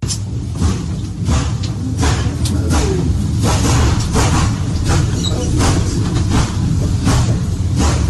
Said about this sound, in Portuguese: Quem está acompanhando pelo rádio, começa a, tem o trem, e aí começa a aparecer alguns, assim, o trem vai passando, vai começando a dar umas explosões, como se fossem raios, e até começa o incêndio mesmo. E as pessoas começam a ficar apavoradas.